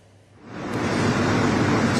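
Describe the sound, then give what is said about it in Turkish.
A fishing boat heading out to sea from the Kireçburnu shore in Sarıyer as the fishing ban ends: a steady rush of water and wind swells up after a brief quieter moment, with a low engine rumble underneath and no voices. “biz şu anda Kireçburnu'ndan ayrılan bir balıkçı teknesinin içindeyiz”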